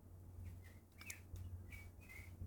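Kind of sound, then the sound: bird, blackbird singing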